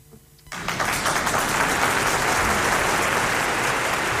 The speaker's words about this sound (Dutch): Zo, ik hoor weer applaus op mijn oren. Hoor jij niet?